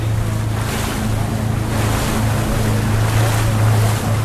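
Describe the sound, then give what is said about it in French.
A boat motor drones steadily as the boat heads to a nearby salmon farm site, the hull moving across choppy water, with waves splashing and wind buffeting the microphone throughout. The engine hum stays loud, with no talking. “Donc on va remonter dans le bateau.”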